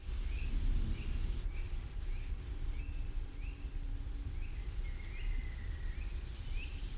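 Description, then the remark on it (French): A short-toed treecreeper's thin, very high song in woods: small sharp notes repeated at a steady quick pace, clear, over a low rumble of outdoor background noise. “Si vous allez dans les bois, vous entendrez le grimpereau des jardins, avec ce petit chant très ténu et ce petit oiseau qui monte en spirale le long des troncs d'arbres.”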